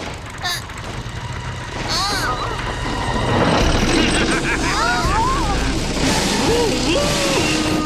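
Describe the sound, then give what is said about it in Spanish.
Excavators rumble and grind steadily, a low engine drone with scraping, clanking noise that grows louder partway through, while several voices shout and exclaim over it. “¡No hay excavadoras en este cuento!”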